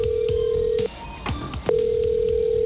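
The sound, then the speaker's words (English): An outgoing phone call rings on the line: a steady electronic ringback tone sounds, cuts off for a moment, then resumes, fairly loud with faint background hiss and no voices. “I'm going to turn on this because I've already dialed the number”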